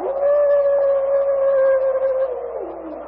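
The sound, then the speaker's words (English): A single long wolf howl holds one steady mournful pitch for over two seconds, then drops and fades at the end, fairly loud, with no talking. “That is just another of those great devils. They ever bunched together in wolf pack”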